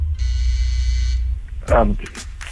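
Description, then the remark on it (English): A loud, harsh game show buzzer blares steadily for about a second during a trivia quiz, then cuts off, and a voice starts speaking right after. “Buzzer went off.”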